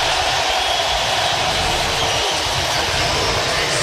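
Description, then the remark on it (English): A big arena crowd roars as Nebraska's starters are introduced, a dense, steady wall of cheering that stays loud and unbroken for about four seconds, with no single voice standing out. “Listen to the crowd here. This is unbelievable.”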